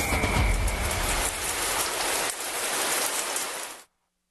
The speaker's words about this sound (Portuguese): E agora é hora de mandar alguém pro chuveiro. Quem vai? Roda a vinheta.